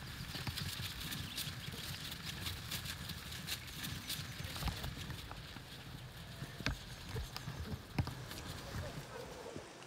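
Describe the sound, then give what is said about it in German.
A herd of cattle being driven toward a livestock trailer shuffles past, hooves thudding and clopping on the ground in an irregular, overlapping stream, with some sharper knocks and a steady outdoor rumble underneath. “Immerhin bewegt sich die Herde schon mal in die richtige Richtung.”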